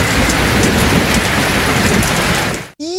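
Steady, heavy rain pours down in a dense, continuous hiss with a low rumble beneath, loud, cutting off abruptly near the end before a brief rising tone.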